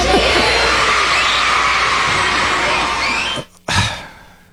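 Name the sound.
children shouting happily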